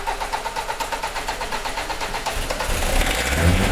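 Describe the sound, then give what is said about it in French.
A diesel engine cranks with a rapid, rhythmic chugging, then catches and settles into a louder, steady running rumble, with no voices. “Bon, allez, on consomme pas trop de gasoil.”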